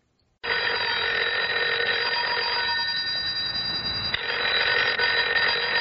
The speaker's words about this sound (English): Oh, the phone. In the middle of the night.